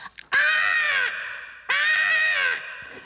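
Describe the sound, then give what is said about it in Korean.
A person imitates a crow with two loud, drawn-out raspy caws, each lasting almost a second, separated by a short pause. There is no other talk. “녀석은 예, 까마귀였어요.”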